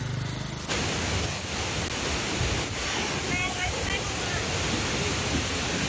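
A powerful torrent of muddy, fast-flowing water roars steadily at Wachirathan Waterfall in Doi Inthanon National Park, Chom Thong District, Chiang Mai, Thailand, a dense, unbroken rush of churning water that fills the whole scene at high volume from start to finish.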